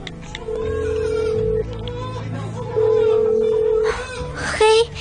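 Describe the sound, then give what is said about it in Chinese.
A phone call from a hospital to the baby's father rings out unanswered: long, steady mid-pitched ringback tones repeat with pauses between them, over faint murmuring voices in the background. “怎么还不接电话呀？”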